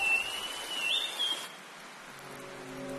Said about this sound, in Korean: 열대우림에선 지속적인 위협이자 동시에 축복인 존재가 있습니다. 바로 열대폭풍입니다. 우림의 터를 잡은 주민들은 억수같이 쏟아지는 폭우도 온화하지만 길게 내리는 비도 익숙합니다.